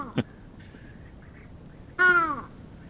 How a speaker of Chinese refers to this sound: 可是它的声音呢，就没有那么的有观赏性哈、哦。被形容为像沙哑感冒的乌鸦，它的叫声，我们来听听